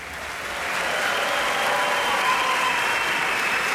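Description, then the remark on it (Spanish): The audience in the concert hall of the Centro Cultural Tlacnar applauds the Orquesta Sinfónica de Xalapa as conductor Martin Lebel shares the applause among the orchestra's sections, a dense, steady wash of clapping that swells in the first half second and then holds at full strength throughout, with no voices. “Usted puede escuchar al público reunido el día de hoy en la sala de conciertos del Centro Cultural Tlacnar reconocer a la Orquesta Sinfónica de Xalapa.”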